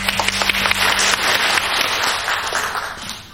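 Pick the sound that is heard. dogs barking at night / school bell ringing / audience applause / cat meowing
audience applause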